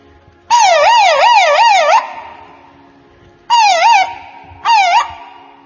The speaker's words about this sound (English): When Swami's car comes out of mandir, the first thing everybody will hear is the police van siren.